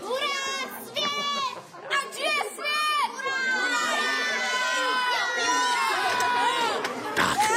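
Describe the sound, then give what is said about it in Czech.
A dense crowd of children shouting, squealing and chattering all at once, a continuous loud, high-pitched clamor that stays busy throughout. “Páni, to je děti.”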